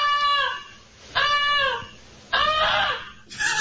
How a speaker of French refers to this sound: Puis là, ce qui les a réveillés, c'est l'oie qui gueulait en folle. Moi, j'ai jamais entendu ça sonner comment une oie. Ça sonne fort. Mais hey, on a un extrait.